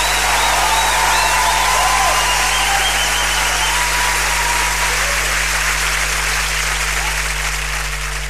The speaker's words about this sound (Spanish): ese aplauso para Vicentino.